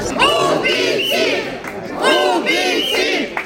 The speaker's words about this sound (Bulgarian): Докато съдът заседаваше, протестиращите скандираха под прозорците.